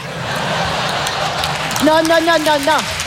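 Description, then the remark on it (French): An audience at a comedy show applauds a joke about footballers in a steady, dense patter that fills the whole clip. A man's voice begins speaking in French over the clapping partway through, telling them not to applaud. “Non, monsieur, dame, n'applaudissez pas.”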